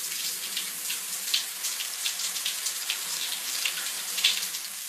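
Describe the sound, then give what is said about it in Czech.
A shower runs steadily, a continuous hiss of spraying water with faint splashes and droplet ticks scattered through it, moderately loud, with no voices. “Výborně, poznali jste. Je to sprcha.”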